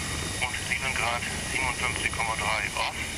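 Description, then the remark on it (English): A helicopter's engine one starting up after a test fire and before-start check, its steady whine and hum filling the background while voices talk over it throughout. “Engine one, fire. Before start check is complete, headsets.”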